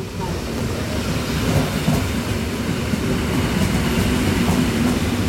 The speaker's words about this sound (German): So, die S-Bahn fährt jetzt gerade ein hier.